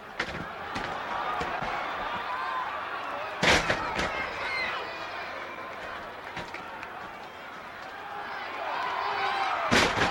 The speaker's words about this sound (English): And they take turns at body slams. You gotta be in shape to take this kind of pounding. Here's another one. Oh, that wouldn't feel good even on a mattress.